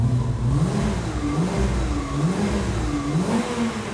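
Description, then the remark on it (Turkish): A car engine revs up and down again and again through a newly fitted sports exhaust, its deep throaty pitch rising and falling in a steady rhythm, loud with no talking. “arabaya spor kutu yerleştirmek, arabanın karakterini gerçekten değiştirebilir.”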